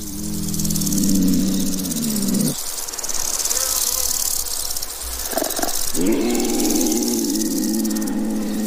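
A young female leopard in heat gives a low, droning mating call from far away; it swells and falls away, then returns after a pause, all over a steady, loud buzz of insects and crickets. No one speaks.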